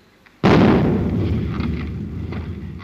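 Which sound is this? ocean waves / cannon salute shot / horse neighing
cannon salute shot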